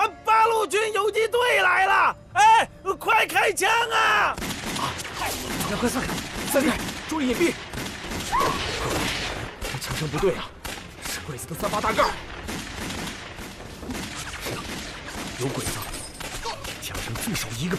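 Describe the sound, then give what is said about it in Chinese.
A chaotic burst of rifle volley gunfire from Japanese Type 38 rifles, fired by at least a squad of Japanese soldiers at night at a landlord's courtyard, shots cracking in rapid overlapping succession for many seconds, mixed with loud shouting voices and general commotion. “枪声不对啊，是鬼子的三八大盖。”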